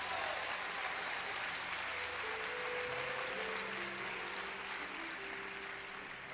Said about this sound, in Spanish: Un aplauso a Dios.